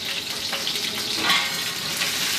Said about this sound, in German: Das Geräusch kommt jetzt nicht vom Wasser, sondern es kommt vom Soßenansatz, den wir nebenbei laufen haben.